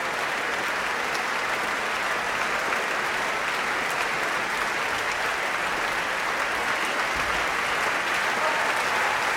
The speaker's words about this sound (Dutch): En hier natuurlijk groot applaus voor de hoornsolisten.